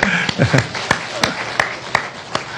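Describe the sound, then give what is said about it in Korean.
A church audience applauds in farewell to a couple leaving for LA: a steady wash of many hands with sharper, evenly spaced claps standing out about three times a second, and a brief murmur of voices at the start. “그래서 그냥 아쉬운 박수 한번 하겠습니다.”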